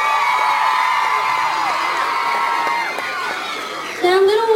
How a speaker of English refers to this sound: So thank you, and give yourself a round of applause.